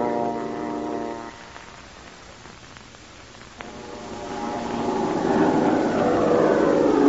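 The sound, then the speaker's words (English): An airplane engine, Dude's plane going after an invader ship, drones with a steady humming tone, dips quieter, then swells into a louder rushing roar as the plane seems to close in. No one speaks. “It's Dude's plane.”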